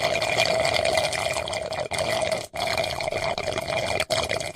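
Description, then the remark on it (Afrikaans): Continuous wet, gurgling slurping of the last drops of a milkshake through a straw, steady, with a few brief breaks and no voices. “iemand is besig om hy laaste druppel van een of ander melkskommel”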